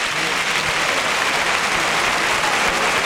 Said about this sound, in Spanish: Y el público que se rompe las manos de aplaudir. La plaza de pie, ¿eh? Brindis de Pablo Aguado a Morante de la Puebla.